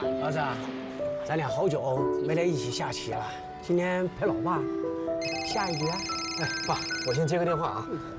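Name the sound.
telephone ringing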